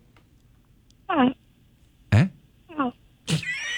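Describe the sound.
A person imitates a crow with a few short, raspy, caw-like vocal bursts, each about a third of a second, separated by brief pauses, with another voice briefly reacting between them.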